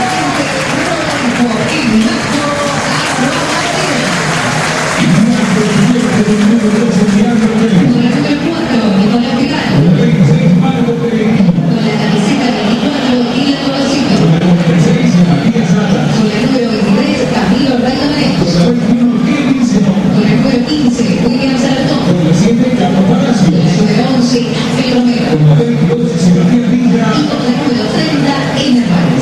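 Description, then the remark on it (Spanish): A huge crowd at a Boca stadium applauds and cheers in a continuous, roaring wash for about half a minute, while the stadium announcer's amplified voice echoes over the noise, announcing the Boca players' names one by one. “A ver la voz del estadio, uno por uno de los jugadores de Boca.”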